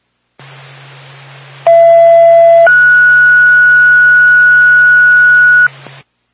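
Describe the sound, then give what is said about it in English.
Twin State radio dispatch paging tones for Woodsville ambulance backup over a hissy, humming channel: a steady lower tone for about a second, then a higher steady tone held for about three seconds, both loud and clean. “State Woodsville ambulance backup, stand by for tone.”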